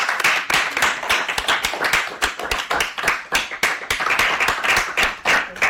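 A group of children clap together in a steady, dense burst of applause lasting several seconds, the sharp overlapping claps fairly loud throughout with no talking.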